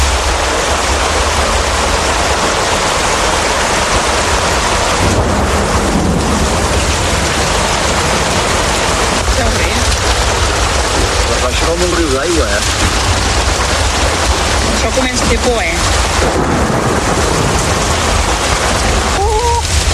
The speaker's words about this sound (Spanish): y nos cogió la tormenta en medio de todo y como consecuencia la riada.